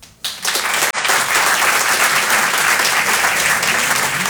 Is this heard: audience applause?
yes